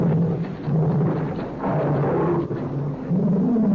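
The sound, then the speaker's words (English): A pet tiger roars in a deep, rumbling, continuous growl lasting a few seconds, loud and rough with low rising and falling tones and no speech. “That's my pet tiger.”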